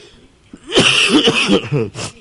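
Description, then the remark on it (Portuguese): Someone who has had a cough for two weeks coughs: a rough, throaty run of coughs lasting about a second, a brief pause, then one more short, sharp cough. “A tosse tá grande.”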